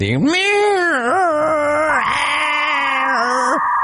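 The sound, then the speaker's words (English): A voice imitates the screeching emergency weather warning alarm that interrupts radio play, likened to AOL dial-up, with a loud, nasal, wavering wail lasting several seconds, its pitch sliding and wobbling before cutting off abruptly. “my beef are weather warnings that interrupt radio play like it's 1990 and that weird AOL dial-up wannabe sounding screeching alarm.”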